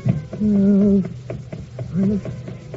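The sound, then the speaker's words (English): A cat gives two meows, a long drawn-out cry followed by a shorter one, with soft tapping and scuffling noises around them. “Here you are, kitty. I got you. Oh, gee whiz. You got claws.”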